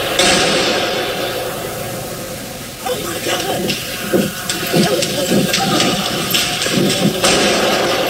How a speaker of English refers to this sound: Gunshots inside the Fairlane Town Center Mall near Detroit. Two young men are dead when what started as an argument ramped up,